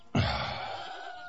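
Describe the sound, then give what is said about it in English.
A single loud, drawn-out bleat from one of several loose goats starts abruptly and holds for about a second, its strained, buzzing tone wavering slightly before trailing off. No one speaks. “Those damn goats are loose.”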